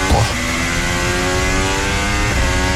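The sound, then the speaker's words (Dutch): A race car engine drones at high revs, its harmonic tone sliding downward as it shifts down, with a brief burst of mechanical noise at the start and a slight lift near the end. “Je hoort hem ook nog terugschakelen.”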